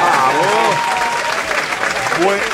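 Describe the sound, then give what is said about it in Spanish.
Steady, dense applause from a small group in a radio studio in Córdoba, welcoming guests, loud and continuous, while a few voices talk and call out over the clapping. “Se les quería el aplauso.”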